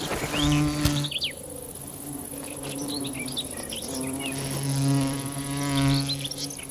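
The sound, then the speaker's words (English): A bee wolf, a digger wasp that specializes in killing bees, buzzes in steady droning bursts whose pitch rises and falls as it moves, with faint bird chirps scattered in the background. “The bee wolf is a digger wasp that specializes in killing bees.”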